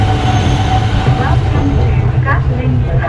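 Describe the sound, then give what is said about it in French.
A metro train on Line 2A in Hanoi, Vietnam, rumbles steadily along the rails at the city's still-rural edge, a loud, continuous low roar with brief metallic squeals of the wheels rising over it. “À Yen Mi A, aux portes de la périphérie encore rurale d'Hanoï, la ligne 2A permet de rejoindre le centre.”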